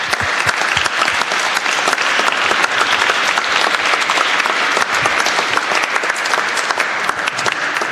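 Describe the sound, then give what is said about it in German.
Steady, dense audience applause with many hands clapping at once, a loud sustained crackle that holds evenly for several seconds without any talking. “Ein Applaus.”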